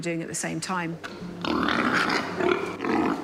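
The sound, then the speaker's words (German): A voice talks briefly, then sows in a feeding experiment feed and jostle over a limited amount of feed, the dominant animals pushing the weaker ones away, with a steady, loud mix of grunts, snuffling and scuffling noise that continues in uneven bursts. “Für den Versuch bekommen die Schweine eine begrenzte Menge Futter. Die dominanten Tiere drängen die Schwächeren weg.”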